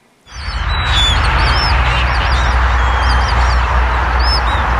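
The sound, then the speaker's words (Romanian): A large flock of flamingos calls and honks continuously at Lake Techirghiol in Constanța, overlapping chatter from many birds over a steady low rumble of wind across open water. “Mai multe păsări flamingo au fost surprinse de trecători.”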